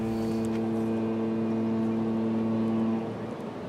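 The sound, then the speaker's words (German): A boat being hauled out of the water: a steady engine drone with a low tonal hum, running unbroken before easing off near the end. No voices. “Er muss ein Boot aus dem Wasser holen.”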